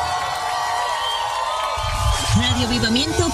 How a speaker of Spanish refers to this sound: Un fuerte aplauso